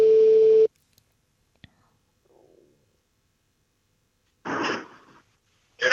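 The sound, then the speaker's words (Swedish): A loud, steady electronic phone ringing tone sounds once as a call is placed early in the morning, lasting well under a second, before the line goes nearly silent; a faint click and then a brief rustling burst follow. “så att självklart ringer jag honom.”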